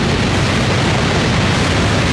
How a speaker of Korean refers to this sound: 이륙. 예. 언제 봐도 벅찬 모습입니다. 누리호가 발사되었습니다. 누리호가 날아오릅니다.